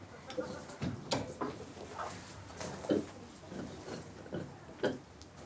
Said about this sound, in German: Specky, wie immer der Erste, wenn es etwas zu entdecken gibt. Ihm dicht auf den Fersen, Erna und Lieschen. Alle drei verunsichert. Das verraten sie durch ihr Grunzen.